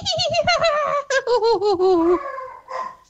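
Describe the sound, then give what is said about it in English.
A woman vocally imitates a horse and a dog at the same time, as a competition entry for tickets to the Galway races: a quick pulsing, whinny-like run that stretches into a long wavering, falling neigh, then a short yelping burst at the end. “She can do a horse and a dog at the same time.”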